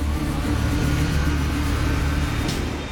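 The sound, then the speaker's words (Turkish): The four large engines that give an aircraft its thrust roar steadily, a loud, continuous low droning rumble layered with a broad rushing hiss, holding at an even level for the whole stretch with no voices. “Uçağın uçmasını sağlayan itiş gücü 4 büyük motordan geliyor.”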